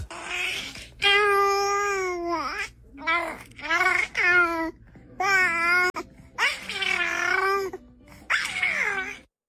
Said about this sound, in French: Après, c'est un bébé qui babille, un bébé de 3 mois.